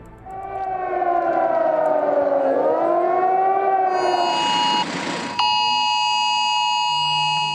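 A wailing siren swoops down and back up, then gives way to a shrill, steady electronic warning tone like a phone emergency alert, loud and sustained, with no voices. It is the mobile phone test alarm sent by the authorities in Germany on National Warning Day, a Thursday.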